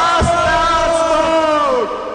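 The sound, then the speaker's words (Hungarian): A group of voices lets out a loud, sustained battle cry together, holding a single drawn-out shout for nearly two seconds before it trails off with a falling pitch. “Egy utolsó harci kiáltás, gyerekek!”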